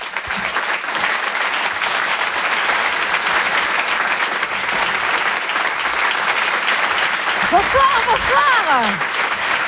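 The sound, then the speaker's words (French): A crowd applauds loudly and steadily for several seconds as a performer is introduced, a dense wash of clapping with a few cheers or whoops rising near the end. “Merci d'applaudir, s'il vous plaît, très fort”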